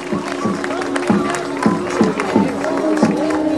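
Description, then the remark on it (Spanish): A crowd applauds loudly and steadily for the city of Ceuta, a dense wash of clapping mixed with shouting and cheering voices throughout. “Ese aplauso por la ciudad de Ceuta y con los problemas.”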